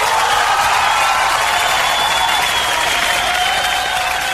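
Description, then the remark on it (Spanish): Loud, steady audience applause for Bocinha fills all four seconds, a dense wash of clapping that holds an even level throughout, with faint tonal whistle-like traces riding above it. “Aplauso para Bocinha, que ya está en Chile.”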